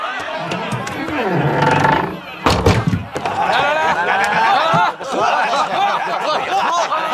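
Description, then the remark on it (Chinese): A heavy door slams shut partway through with a loud booming thud, maybe two quick knocks as it closes, after people are let in at a wedding gathering, amid a noisy crowd chattering and laughing throughout. “关门。”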